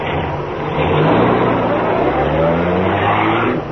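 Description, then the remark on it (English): A car engine starts and roars loudly, its pitch climbing steadily as it revs and accelerates for several seconds, with no voices over it. “Cato, start the car, quick.”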